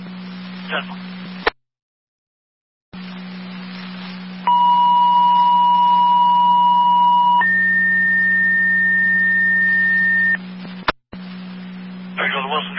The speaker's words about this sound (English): Fire control, this is …. Could you do a second set of tones for a driver?